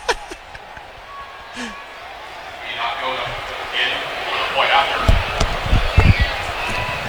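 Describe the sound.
A stadium crowd boos, the sustained jeering swelling from a quiet start into a broad, loud wash of voices, with a few heavy low thumps breaking through near the end.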